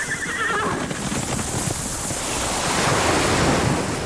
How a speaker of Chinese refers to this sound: 大海。如果有一天，这些美好的声音突然消失，为了守住这些美好的声音，热爱大自然，呵护地球家。